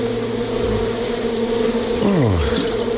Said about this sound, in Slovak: No, teraz nesmieš von zo včelína, lebo keď včely zacítia sladké, hneď sú na tebe.